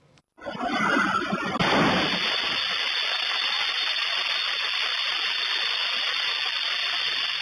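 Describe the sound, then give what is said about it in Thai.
A sudden loud blast of a gas explosion at a filling station in Gujarat, India, as a car pulls in to fill up with gas, bursts out of near silence, then gives way to a steady, loud roaring hiss that continues to the end. No one speaks. “คุณผู้ชมคะไปต่อกันที่อีกหนึ่งเหตุการณ์ระทึกเกิดขึ้นในปั๊มแห่งหนึ่งระหว่างที่มีรถจะเข้าไปเติมแก๊สแต่จู่ๆเกิดระเบิดขึ้นจนทำให้ปั๊มได้รับความเสียหายค่ะ”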